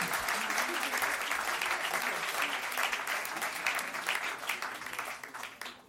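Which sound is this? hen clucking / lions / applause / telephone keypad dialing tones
applause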